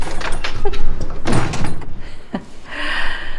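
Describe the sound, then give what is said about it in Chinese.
A door is pulled shut with a solid knock and a rattle of the frame, followed by a brief scrape and quieter shuffling. “把门给带上。 开门干啥呀？”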